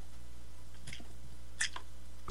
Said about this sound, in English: Let me get a slurp here.